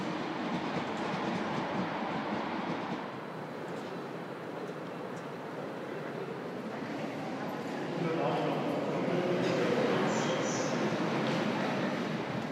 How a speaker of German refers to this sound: Speziell hier, dieser Zug kam jetzt aus Richtung Karlsruhe,